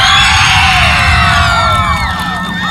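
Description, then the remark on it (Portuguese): A crowd cheers loudly for contestant number 3 in a contest vote, a dense wash of high shouts, whoops and screams with rapid clapping mixed underneath, holding steady for the whole stretch before easing slightly at the end. “Quem acha que a candidata número 3, Milena Beatriz Oliveira de Matos, merece ganhar? Bate palmas!”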